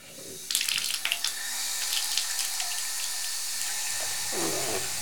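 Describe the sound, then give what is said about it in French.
After a brief quiet moment, water bursts from taps opened by Toudou, a little plush toy standing on a chair to do the washing-up, with a few splashy clatters, then settles into a steady, hissing rush that shifts to a lower, gurgling tone near the end. “Il se penche sur la pointe des pattes pour ouvrir les robinets.”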